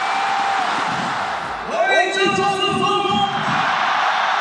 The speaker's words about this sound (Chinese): 九江队4-0大胜抚州队，雨中观赛的球迷呐喊声不断，热情点燃了整个九江体育场。